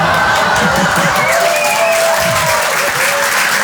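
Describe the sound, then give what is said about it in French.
Steady, dense applause from an audience fills the whole stretch, loud and continuous, with a few faint whistles or whoops rising above the clapping and some murmured voices underneath. “Ouais, là, j'adore, parce qu'en général, les femmes applaudissent et eux, ils disent « Mais quelle connasse !»”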